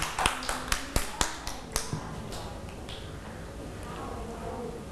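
A short burst of children's clapping: about eight sharp, uneven claps in the first two seconds that quickly fade, leaving a low murmur of background noise.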